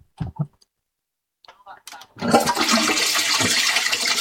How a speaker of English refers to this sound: Can I flush the toilet on her? Will that sound dreadful, or will it sound funny enough? We could find out.